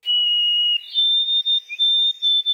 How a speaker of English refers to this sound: What bird is that? And I'll just come out and say it. The first part of the name is white. You got to get the body part and then the bird. That is a white-throated sparrow.